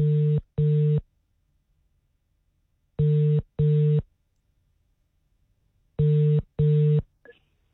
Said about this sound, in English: Let's call someone. Let's hope they answer. Ah, there they are. Ringtone.